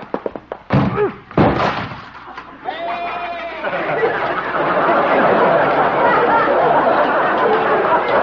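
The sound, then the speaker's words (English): Several loud wooden thuds as a goat rams a door, followed by a brief goat bleat, then a steady noisy commotion that continues to the end. “Oop, I can just beat into the door.”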